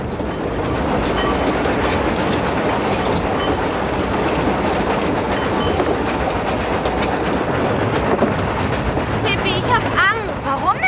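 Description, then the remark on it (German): A moving train rattles steadily along the rails, a loud, continuous clattering rumble, with a brief voice or squeal rising over it near the end. “Tommy und Annika sprangen auf die Eisenbahn, denn sie tun fast immer, was Pippi sagt. Dann kletterten sie auf das Zugdach.”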